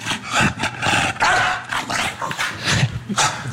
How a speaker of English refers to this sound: Like, it barks and it flaps. That's us playing.